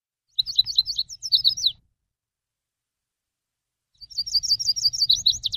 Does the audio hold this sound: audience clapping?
no